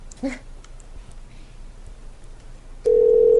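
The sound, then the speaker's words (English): A phone line goes quiet after a brief early blip, then a loud, steady, mid-pitched dial tone cuts in abruptly and holds unbroken to the end, as after a dropped call. “Aegison keeps dropping.”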